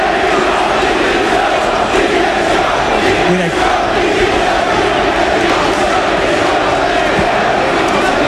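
A large football crowd at a Leganés versus Mirandés match chants the protest slogan "Directiva división" against the club board in unison, a loud, steady roar of many voices that holds without pause for the full length, with no single speaker standing out.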